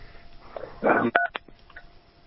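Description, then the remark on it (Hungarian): A few short electronic keypad tones beep in quick succession over a phone line, following a brief burst of noise, with faint line hiss around them, as a caller to a call-in broadcast accidentally presses a button. “Bocsánat, csak megnyomtam azt valamilyen gombot, de mindjárt elrejtem.”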